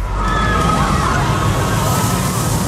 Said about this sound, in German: Und zwar, sobald ihr diese Achterbahn zwischen zwei Songs hört.